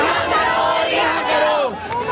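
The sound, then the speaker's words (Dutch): A crowd of protesters in India, marching towards the Supreme Court, chants "Long live Rahul Gandhi" and "Long live the revolution" in unison, many voices rising and falling together in loud, rhythmic shouts that stay dense and continuous, with a brief dip near the end. “Lang leven Rahul Gandhi, roepen ze hier. En lang leven de revolutie.”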